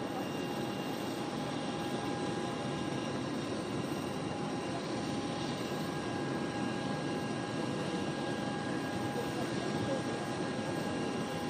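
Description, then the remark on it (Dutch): Airplane engines idle before takeoff of the plane that will fly the Pope home: a steady, constant roar with a thin high-pitched whine running through it. The sound stays fairly loud and unchanging for the whole stretch. “En zo zien we dus beelden van het vliegtuig.”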